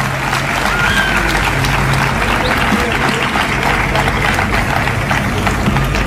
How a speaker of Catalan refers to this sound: Però avui vull recordar i ficar-nos al costat de la gent de Girona que estan patint allò que nosaltres, malauradament, vam patir fa un any. Un fort aplaudiment i molta força a Girona.